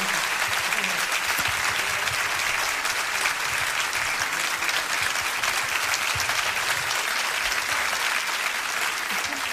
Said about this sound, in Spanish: Muchas gracias. Fuerte el aplauso.